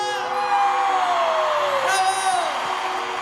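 A large crowd applauds and cheers loudly and continuously, with whoops and shouts rising over a steady wash of clapping.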